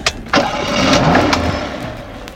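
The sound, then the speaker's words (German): A car engine cranks briefly, catches and settles into a steady, smooth idle, with no talking. “Das zufriedene Tönli vom Motor.”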